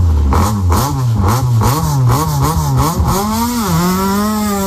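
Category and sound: vehicle, rally car engine revving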